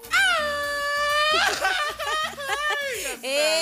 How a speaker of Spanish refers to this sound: A ver, aviéntate un grito mexicano